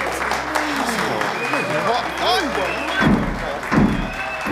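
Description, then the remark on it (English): Heavy pounding on a door: two loud, booming thuds land near the end, after a stretch of indistinct murmuring voices and background chatter. “Someone is pounding on the door, sir.”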